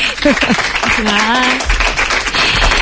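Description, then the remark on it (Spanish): An audience claps steadily for a few seconds to welcome a guest onto a show, a dense crackling patter with voices calling out and cheering over it. “¡Un aplauso para ella!”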